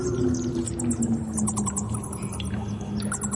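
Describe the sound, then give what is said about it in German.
Rapid, high-pitched squeaks and chittering clicks of a vampire bat flying through a cave repeat throughout, set over a steady low droning hum, with faint scattered patters of dripping in the middle range. No voices. “Das, mein Lieber, ist eine Vampirfledermaus.”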